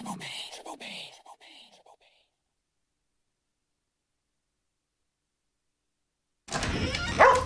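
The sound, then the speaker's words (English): A dog gives a quick series of excited, yelping barks up close for about two seconds, then silence, followed by a burst of loud rustling noise at the end. “Adopting a rescue dog from Animal Welfare League can bring so much joy.”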